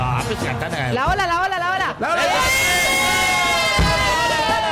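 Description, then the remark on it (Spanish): A large football crowd of Colombia national team fans chants in unison, starting with a wavering, rising-and-falling melody, then settling into a long, loud, sustained sung note with a brief pause before it swells again. “Cuando juega la selección Colombia, ¿sabes qué gritan?”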